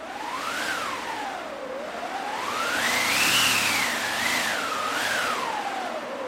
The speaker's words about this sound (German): Dann habe ich noch einen Wind dabei. Da haben wir eine eigene Maschine, die sogenannte Windmaschine.